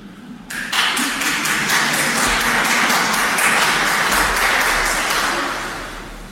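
An audience applauds itself for about five seconds, a fairly thin, steady patter of hands with no cheering, before the applause tapers off and fades out at the end.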